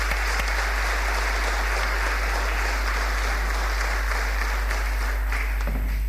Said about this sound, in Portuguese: A entrega da Medalha de Mérito será entregue posteriormente, pois por motivos de saúde o Sr. Vítor Queiroz não está presente, mas por isso peço uma salva de palmas para a TAFI Câmara e para o Sr. Vítor Queiroz.